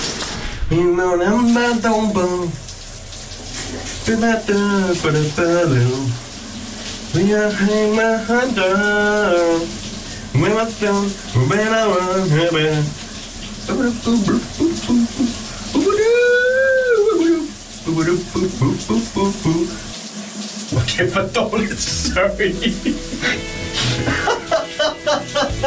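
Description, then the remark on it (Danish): A man sings loudly in the shower in the morning, wavering through long, sliding notes over the steady hiss of running water, with water spray filling the background throughout. “vi kan føre den over i dagens brusebadshit”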